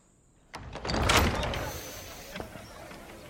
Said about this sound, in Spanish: Al frente del daguerrotipo con el reloj de arena encima, la imagen de ella se ve al revés en el lente. Arcadio introduce una placa metálica.